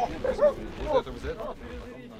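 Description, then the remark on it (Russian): Hunting dogs bark and yelp in a few sharp, excited bursts over a busy background of indistinct voices and movement, as they are set on the trail during a bear hunt in a forest. “Пошли, пускайте собак по следу.”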